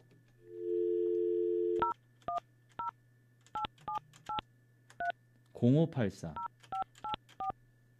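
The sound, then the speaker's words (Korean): A steady dial tone hums for about a second, then a quick series of sharp two-tone keypad beeps dials a radio listener's number on a Far East Broadcasting (극동방송) regular phone line, briefly interrupted by a burst of voice talking before the beeps resume. “이분 한번 전화 한번 해볼게요.”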